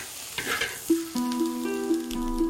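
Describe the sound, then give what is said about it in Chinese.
Fresh shrimp being stir-fried in a pan over low heat to make dried shrimp: a soft, steady sizzle with scraping stirring strokes, and sustained humming tones running underneath for the second half. “炒好的虾干软糯适口，越嚼越香。”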